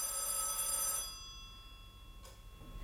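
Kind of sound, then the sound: household object, telephone bell ringing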